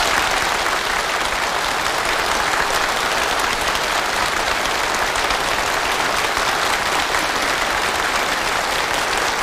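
An audience claps warmly and steadily, a dense, even wash of many hands sustained at a fairly loud level for several seconds without a break, and no voices come through.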